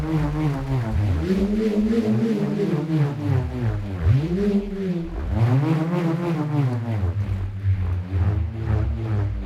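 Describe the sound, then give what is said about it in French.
A bullroarer, a small piece of wood fixed to a cord, whirs steadily and loudly as it is spun through the air, its buzzing drone swooping up and down in pitch in repeated arcs, about every two seconds. No voices are heard. “Le rhombe, par exemple, est un petit morceau de bois fixé à une corde qui vrombit lorsqu'on le fait tourner dans les airs.”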